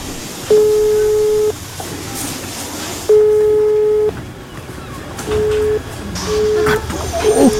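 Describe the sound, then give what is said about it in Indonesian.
A phone line tone beeps over a steady background hiss, two long one-second tones followed by quicker, shorter busy-signal beeps, as a call to Fatma's mobile phone fails to get through. “HP Fatma susah dihubungi lagi.”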